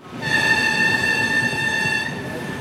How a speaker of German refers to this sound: So klingt der Zug, der am 3. Mai von Nördlingen nach Wassertrüdingen und Wilburgstetten gefahren ist. Es ist ein älteres Modell.